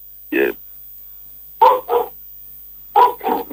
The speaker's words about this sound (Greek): Την άποψή του λέει ο σκύλος. Την άποψή του λέει ο σκύλος. Ο σκύλος είναι έξω τώρα και τραγουδάει. Βλέπει για μια γάτα, τίποτα κάτι. Κάτι θα ακούει.